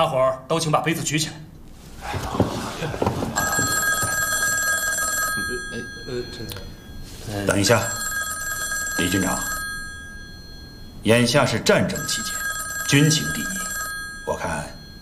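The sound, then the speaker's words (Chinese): An old-style telephone bell rings in three sustained bursts with short pauses between them, fairly loud, during a wartime military welcome banquet, while men speak over and between the rings. “眼下是战争期间，军情第一，我看你还是先接一下电话吧。”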